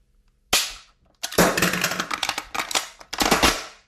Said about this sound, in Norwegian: Nå klapper jeg en sluttstøkke. For da er børsa ikke ladd, for det er jo ikke noe inn. Men da kan den klikke. Ta et klikk. Og nytt ladegrep. Ok, og så bytte magasin. For da kan du bytte magasin.